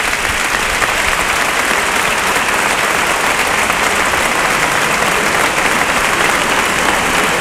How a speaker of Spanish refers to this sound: Gran ovación a ese brindis. Claro. Que es un poco el brindis de todo el mundo.